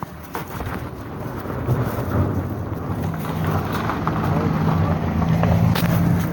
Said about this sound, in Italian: Nel frattempo era passata una macchina.